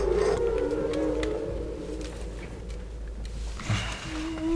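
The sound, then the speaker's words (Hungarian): Long, low moaning tones of whale song drift and bend slowly over a steady underwater rumble. A second, higher call rises near the end, with no voices present. “És a Bálnát azt benn hagyjuk?”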